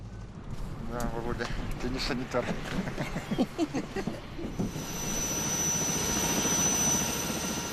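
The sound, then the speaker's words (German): A steady, droning engine of a medical flight plane that carries pregnant women to hospital roars throughout, with voices talking over it in the first half, then the engine continues alone with a thin high whine. “Und dieses Flugzeug fliegt jeden Tag mehrere medizinische Einsätze.”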